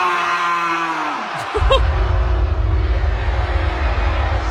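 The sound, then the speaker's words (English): A rapper on stage at a concert lets out a drawn, sheep-like bleat imitation for about a second and a half, then breaks off into a loud, steady low rumble of concert noise. “who decided to sound like a sheep.”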